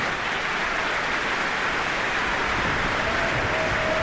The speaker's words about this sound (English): And while the applause for the Cleveland Orchestra continued for several more minutes with great appreciation for their performance of the Verdi Requiem